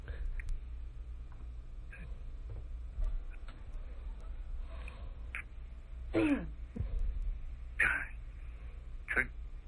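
A man coughs and clears his throat in a few short, raspy bursts near the end, moderately loud over a low background hum.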